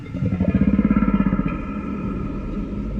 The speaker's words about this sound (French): C'est une baleine qui propose d'aller pêcher avec elle.